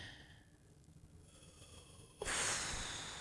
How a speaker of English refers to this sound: Sorry, y'all. Oh, I'm breathing all over you.